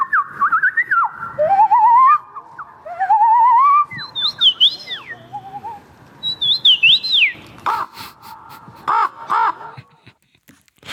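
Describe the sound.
Someone whistles an imitation of birdsong at a bird-call imitation championship in Warsaw: rising and falling warbled notes and quick slides, fairly loud, followed by a few harsh, crow-like caws. No one speaks.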